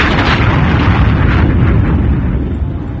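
A loud, sustained explosion rumbles and crackles with deep booming energy, continuous throughout and slowly fading toward the end, with no voices.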